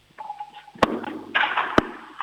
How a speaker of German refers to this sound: Das ist eine richtig coole Türklingel